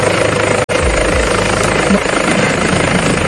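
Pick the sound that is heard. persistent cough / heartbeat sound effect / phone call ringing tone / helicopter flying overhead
helicopter flying overhead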